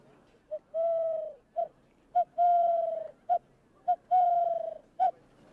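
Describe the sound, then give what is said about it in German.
A hand-whistled imitation of a collared dove's call: three rounds of a short hoot, a long sustained low coo, then another short hoot, repeated in a steady, breathy rhythm. “Das ist Türkentaube und man kann es auch mit der Stimme probieren.”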